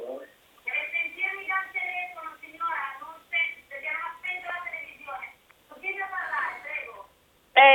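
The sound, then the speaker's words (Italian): Tinny, narrow-band voices come through a telephone line during a call, with a television left switched on at the caller's end, its chatter running almost continuously at moderate volume, broken by a few short pauses. “Deve sentirmi dal telefono, signora, non se... perché non ha spento la televisione.”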